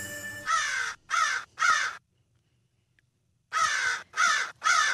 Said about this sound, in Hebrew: מחקר ישראלי חדש על עורבים קצרי זנב באזור ים המלח חושף תובנה כמעט אנושית. יש להם דפוסי אישיות קבועים במהלך החיים שלהם שיכולים להיות עניין של חיים או מוות.